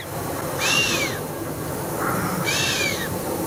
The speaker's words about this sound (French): Encore un mammifère, et il fait ça avec le nez. C'est le chamois. C'est le chamois qui souffle comme ça en sifflant. Il joue de la trompette, du casou.